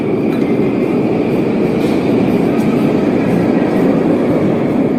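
A loud, steady rumble of a train running through an underground metro station in Novosibirsk, heard at the station entrance, with a constant mechanical roar and faint metallic rattling that carries on unbroken, no voices heard.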